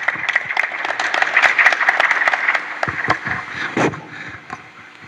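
An audience applauds to welcome the leader of a musicians' association, with steady, dense clapping that holds for several seconds, then thins out into a few scattered claps as it fades.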